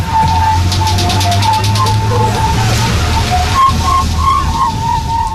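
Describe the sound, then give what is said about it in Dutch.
A whirling tube toy whistles with a steady, airy tone that wavers slightly up and down, over a noisy, rushing background with a low hum underneath and no voices. “Weet je nog, zo'n buis waar je mee moest ronddraaien, dan kwam dat fluitende geluid kwam eruit.”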